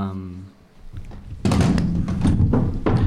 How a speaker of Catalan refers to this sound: Et senten renou de cadires?